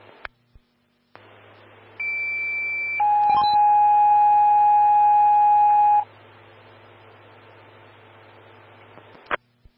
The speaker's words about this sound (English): Stand by for tones on a medical alarm activation.